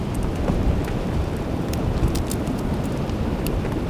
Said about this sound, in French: balayé par cette brise constante. Les crêtes ici sont tellement imposantes, volumineuses, qu'il n'est pas rare de rencontrer ce vent.